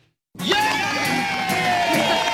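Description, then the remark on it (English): After a short silence, a crowd bursts into loud cheering all at once, with high whoops and shouts of hooray rising over a steady roar that holds to the end. “Whether you're buying or selling your home, you always want it to end with a big hooray.”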